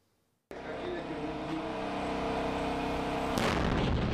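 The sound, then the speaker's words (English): An explosion from one of the firm Unicorn's attack drones, in a test simulating the damage it can do, bursts in suddenly after a brief silence, then a loud, sustained roaring rumble follows, with a second sharp burst near the end. “One of Unicorn's attack drones simulating the damage it can do.”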